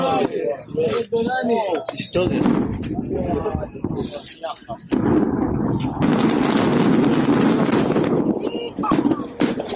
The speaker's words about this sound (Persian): مردم و سربازان اسرائیلی هم شاهد این آتشبازی نتانیاهو بودند و با شنیدن صدای انفجارها و شعله‌های آتش حیرت، شگفتی و رضایت خود را ابراز کردند.